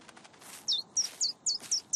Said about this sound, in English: But it looks like the birdie's making a nest on top of your head.